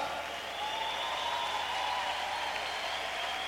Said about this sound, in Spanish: Oh, dale palmas al Rey que vive.